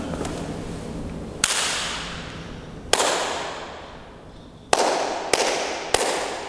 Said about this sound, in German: Es gibt eine Art Resonanz. Das heißt, es klingt ganz anders, wenn wir draußen klatschen oder wenn wir in diesem schönen Raum klatschen.